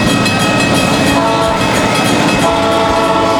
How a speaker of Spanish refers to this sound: Ahí los trenitos ya están llegando.